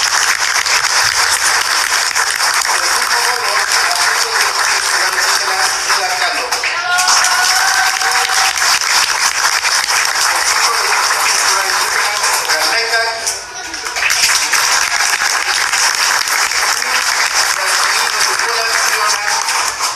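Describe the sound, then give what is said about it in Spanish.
A crowd at an end-of-activities event applauds loudly and steadily for about twenty seconds, welcoming the Centro de Educación Preescolar Indígena Francisco I. Madero, a dense wash of clapping with scattered cheers and whoops rising through it, briefly dipping near the end before swelling again. “Demos la bienvenida y un aplauso fuerte al Centro de Educación Preescolar Indígena Francisco I. Madero, que hoy nos acompaña.”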